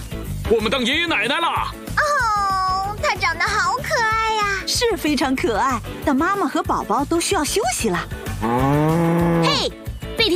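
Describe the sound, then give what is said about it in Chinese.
A cow in the cartoon PAW Patrol moos several times in quick succession, loud, each call rising and falling in pitch, ending with a long, low, drawn-out moo. “很好，而且两头奶牛都没事。”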